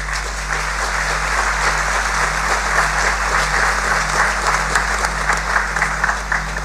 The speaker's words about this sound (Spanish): Recibimos este decreto con un fuerte aplauso.